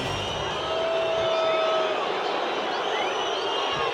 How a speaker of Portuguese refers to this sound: Vaias. Torcedor do Palmeiras não está satisfeito com a apresentação e com o resultado.